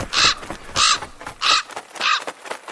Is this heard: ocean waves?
no